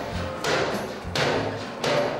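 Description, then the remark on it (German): A bear named Teddy knocks on an enclosure door: three heavy, evenly spaced thuds about a second apart, fairly loud, each with a short rattling ring, with no talking. “Jetzt kann auch der Rest kommen. Teddy klopft schon mal an.”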